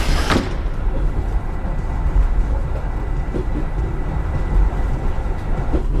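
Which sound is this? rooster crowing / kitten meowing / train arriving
train arriving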